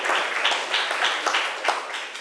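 An audience applauds student representatives after their presentation on care before pregnancy, many hands clapping together in a steady, dense, bright wash with small surges, sustained at a moderate level for a couple of seconds without any voices.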